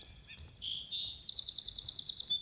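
A birdsong field recording used in John Cage's piece Telephones and Birds: high, bright chirps and trills in rapid repeated bursts, steady, over a faint low background rumble, with no voices.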